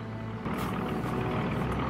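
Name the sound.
aircraft flying overhead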